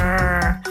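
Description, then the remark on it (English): A rockfish gives a single loud croaking grunt, a buzzy, harmonic-rich tone lasting under a second that wavers slightly in pitch and dips briefly near the end, with no voices. “It sounds like this croaking, grunting.”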